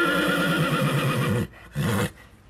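A horse belonging to an Alka rider, who keeps ten horses, whinnies loudly, a long quavering neigh followed by a brief pause and a shorter second call, with no one speaking.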